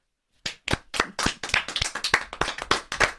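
After a brief silence, a small group breaks into applause, with crisp hand claps overlapping in a quick, uneven patter that stays steady to the end.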